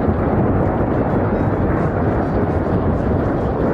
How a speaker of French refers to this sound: Les nuages sont tout noirs et on entend le tonnerre, les éclairs.